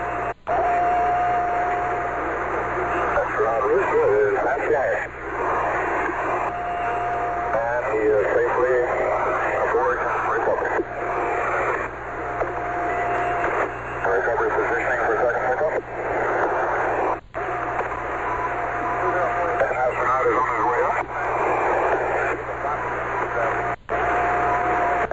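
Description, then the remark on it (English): A crackly, narrow-band radio link from an Apollo recovery helicopter reporting astronaut Rusa aboard the recovery net, with muffled voices talking over steady engine-like hiss and a thin whistling tone that comes and goes, plus a couple of abrupt dropouts. “Recovery helicopter reporting astronaut Rusa aboard the recovery net.”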